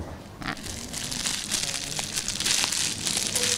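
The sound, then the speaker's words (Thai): A plastic bag is crumpled by a student during a classroom lesson on sound, giving a continuous crinkly rustle with bursts of sharp crackles that swell and fade over a few seconds, with no talking. “พอเพื่อนขยำถุงแล้วเป็นยังไงคะเกิดเสียงไหมคะมีเสียงหรือเกิดเสียงนะคะค่ะแล้วนักเรียนคิดว่าขณะที่เกิดเสียงนั้นวัตถุสั่นด้วยไหมคะ”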